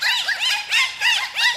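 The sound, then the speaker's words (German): Dolphin squeaks: a rapid run of about four high, arching whistles, each rising and falling in pitch, loud, with no voices. “sind Delfine”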